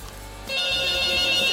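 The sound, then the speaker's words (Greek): A telephone starts ringing partway through with an incoming call from a listener, a steady, bright electronic trill that continues loudly to the end, with no one speaking over it. “Φιλοτιμήθηκε ένας από εσάς, να πάρει τηλέφωνο.”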